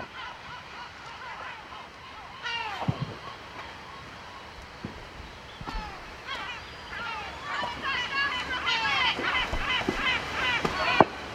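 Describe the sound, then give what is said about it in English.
A seagull on a ledge calls again and again, harsh squawking cries that grow busier toward the end, over a steady background hiss with some faint voices. “It's a shame, it's on that ledge with the seagull.”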